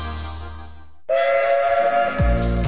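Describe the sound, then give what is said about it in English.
A steam locomotive whistle sounds one long, loud, steady blast, breaking in after a low rumble and followed by deep, heavy rumbling tones. “This October, experience three incredible days of steam, diesel and classic vehicles at Bowness and Kinneil Railway.”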